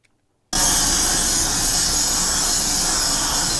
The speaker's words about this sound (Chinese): 伴随刺耳敲击声，产线员工专注打磨。